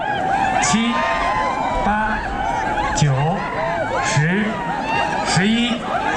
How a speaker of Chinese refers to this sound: 伴随着观众们的欢呼声与尖叫声，这片草原彻底沸腾起来。